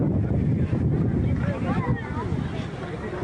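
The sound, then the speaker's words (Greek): Coast guard boats idle at Siviri beach while evacuating 481 people, under heavy, steady wind buffeting the microphone, with waves and a low engine rumble throughout and muffled voices of people talking faintly in the background. “Βίντεο ντοκουμέντο δείχνει τη στιγμή που στελέχη του λιμενικού απομακρύνουν με σκάφη 481 άτομα από την παραλία της Σίβηρης.”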